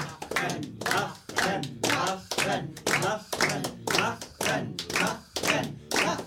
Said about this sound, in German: Angestachelt durch die nicht hörbaren Rufe des Dichters in seinem Wasserglaskäfig, klatscht die Hälfte des Publikums Beifall.